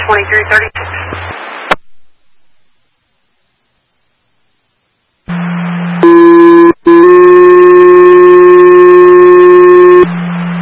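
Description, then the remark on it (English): Dispatch paging alert tones for Steelville Ambulance: after a brief burst of radio static and a silence, a loud, steady buzzy tone sounds briefly, then a second, slightly higher tone holds for about three seconds. “Steelville Ambulance, disregard last page for an additional crew.”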